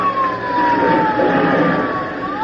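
A small airplane engine is started and runs loud, a steady rough drone with a high whine that sags in pitch and then climbs again at the end. No one speaks.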